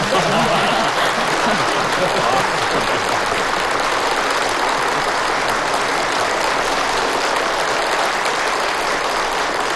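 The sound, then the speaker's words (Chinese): Sustained applause at a meeting, given in agreement with newly announced rules, a dense, steady wash of many hands clapping that stays loud and even for the whole stretch, with a faint murmur of voices mixed underneath. “如果大家同意，可以鼓掌。”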